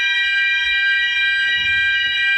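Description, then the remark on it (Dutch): A loud, continuous hotel fire alarm blares at 7:00 in the morning in a wedding venue hotel near Maastricht, a steady, piercing electronic tone that doesn't let up, lasting about 30 minutes, with faint rustling and low thumps underneath. “Ja, het brandalarm.”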